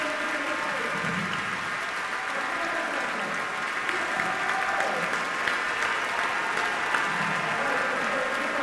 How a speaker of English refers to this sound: That round of applause is for her.